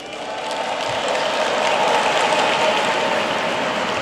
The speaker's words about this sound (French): Ils applaudissent, ils sont nombreux.